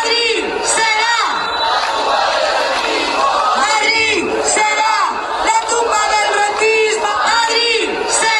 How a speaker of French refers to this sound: Alors que cette réforme a été rejetée par la majorité des députés, les protestataires sont omniprésents autour de la Puerta del Sol, de la place de Cibeles ou encore de la place d'Espagne où on peut entendre ce slogan crié à plein poumon.